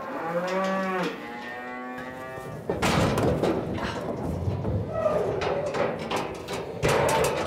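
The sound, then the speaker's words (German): A cow, the lowest-ranking in its herd, lets out one low, drawn-out moo lasting about two seconds, followed by a stretch of loud thumping, clattering and shuffling noises. “Und das hier, diese Kuh, ist die rangniedrigste in unserer Herde.”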